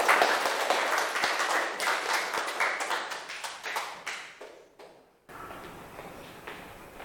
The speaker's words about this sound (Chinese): 好，来，美食博主小组有请，大掌声欢迎。